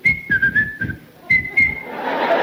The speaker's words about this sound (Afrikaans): Nou leer die mannen daar boer mekaar, deer mekaar, onder mekaar, allemaal soep voor die bal, die scheidsrechter dat blaas op zijn fluitje.